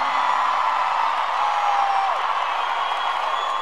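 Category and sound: crowd, audience shouting and whooping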